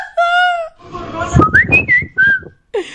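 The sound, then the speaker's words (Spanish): Loud human whistling in a few sharp bursts, with rising and falling pitch glides, set against a busy, noisy background with some voice-like murmur underneath. “que andamos, entrando chiflidos por las orejas.”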